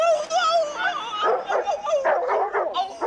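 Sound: dog barking and whimpering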